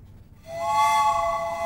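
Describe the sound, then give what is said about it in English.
A train's horn blasts in after a brief quiet moment, a loud, steady, multi-toned whistle that holds without a break for over a second. “The trains are coming.”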